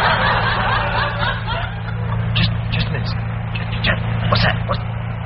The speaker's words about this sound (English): sounds like a launch. Perhaps it's the smuggler.